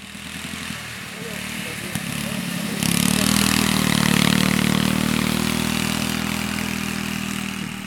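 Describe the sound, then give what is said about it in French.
A ride-on lawn tractor engine putters at a steady idle, then revs up louder partway through and holds a strong, rumbling drone to the end. “Bonjour, est-ce que vous avez essayé les tracteurs tondeuses ?”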